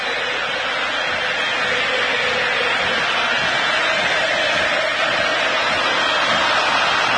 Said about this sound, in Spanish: Hay salida, salida, escuchen el público argentino. Escuchen.